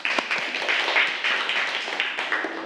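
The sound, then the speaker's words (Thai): A group of students in a class clapping together for a classmate who presented an answer, a steady, dense patter of many hands that holds an even level for a few seconds without any talking. “นักเรียนปรบมือให้กับตัวแทนของเราค่ะ”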